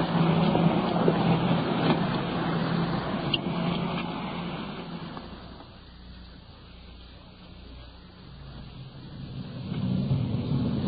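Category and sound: vehicle, car engine driving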